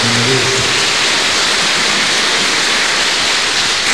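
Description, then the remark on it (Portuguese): A church audience applauding its future ministers during a celebration: a dense, steady wash of many hands clapping at once, loud and unbroken for the whole clip, with a brief trace of a voice at the very start. “Uma salva de palmas para os nossos futuros ministros.”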